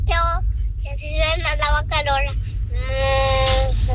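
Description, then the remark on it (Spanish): A child's voice imitates a cow's moo, several short wavering calls followed by one long drawn-out moo, over a steady low rumbling background. “así hace la vaca Lola.”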